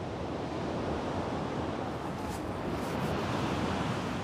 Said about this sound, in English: The water temperature is 8 degrees. His swim between the islands would be impossible with these waves.